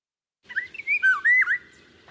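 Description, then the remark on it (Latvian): A Eurasian golden oriole sings one short, fluty, whistled phrase with liquid rising and falling notes. It's clear against a quiet background, with no talking. “Vālodze ir Latvijā ļoti izplatīta ligzdotāja.”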